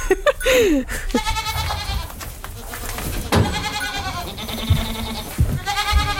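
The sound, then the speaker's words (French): Several Alpine goats, a hardy breed adapted to mountain terrain, bleat in overlapping, wavering calls, some loud and others fainter, with short gaps and a few low knocks or thumps between them. “La chèvre alpine, c'est une chèvre qui est rustique, adaptée au milieu montagnard.”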